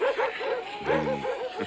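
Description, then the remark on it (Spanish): Eight sled dogs in harness, pulling a sled in Labrador, bark and yip in quick, overlapping bursts, fairly loud, with a high whining yelp near the end and a steady wind-like hiss underneath. “Brin es el mejor perro guía en todo el Labrador.”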